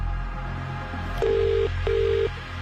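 An outgoing phone call from the Summer Cash Machine competition to a winner connects, with a single double-pulse ringing tone on the line, two short steady beeps close together over a faint background hum, and no voices.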